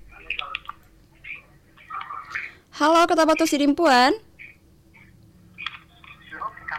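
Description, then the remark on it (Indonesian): Faint voices murmur, then a loud, buzzy burst of telephone line tones cuts in for about a second as a caller's phone call is picked up and connects, followed by quieter talk again. “Dari via telepon ini kita sapa dan angkat lagi.”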